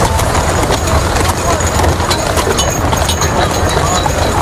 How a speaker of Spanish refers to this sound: Un carro, tirado por dos caballos, transporta el féretro al que todo el mundo mira.